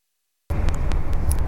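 After half a second of silence, the steady low rumble of a bus engine fills in, fairly loud, as the bus stops for a break, with a few faint clicks and rattles over it and no voices.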